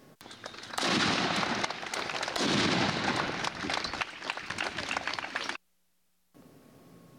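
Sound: ceremonial cannon fire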